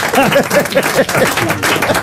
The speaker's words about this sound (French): On applaudit les frères Legault. Bravo.